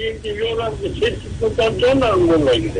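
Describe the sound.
A caller's radio plays in the background over a phone line during a call, its broadcast voices muffled and echoing under a steady hiss, running continuously throughout.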